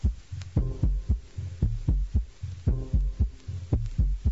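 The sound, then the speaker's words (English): A human heartbeat thumps steadily in a low lub-dub rhythm, about eight beats over a few seconds, with a faint hum beneath and no voices. “And let's dig the sound of this person's heartbeat.”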